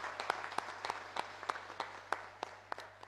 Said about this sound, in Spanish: También a él le animamos con un caluroso, fuerte aplauso hoy en su día, su cumpleaños.